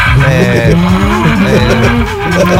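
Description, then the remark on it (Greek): A person loudly imitates a donkey's bray, a drawn-out, wavering vocal call with rising and falling pitch that continues for a few seconds with no other talking. “Βάτραχος, κότα. Γάιδαρος. Ναι.”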